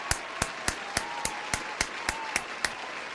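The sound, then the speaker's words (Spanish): Applause made of about ten sharp, evenly spaced claps in a steady rhythm, each crisp and bright, with a faint hiss between them and no voices. “Un aplauso.”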